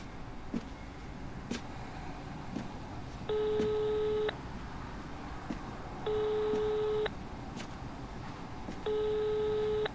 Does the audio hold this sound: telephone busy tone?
yes